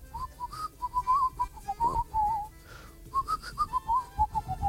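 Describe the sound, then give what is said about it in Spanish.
A person whistles a melody, a bright wavering line of short and held notes with a brief pause partway through, played alone without talking. “Uno, yo silbo mal, adivine y se ganan algo.”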